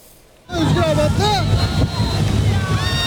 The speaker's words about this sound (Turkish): Efendim, ürkütücü görüntü Muğla'nın Marmaris ilçesinden geldi. Turistik bir gezi teknesi seyir esnasında batmaya başladı. 110 kişinin olduğu belirtiliyor teknede. Herkes sağ salim kurtulmayı başardı.